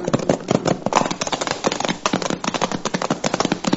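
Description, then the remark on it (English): Horses ridden by a posse gallop, their hooves pounding out a fast, steady stream of sharp, clattering beats that overlap into a continuous rhythmic drumming with no voices. “Now stop jawing and keep that horse moving.”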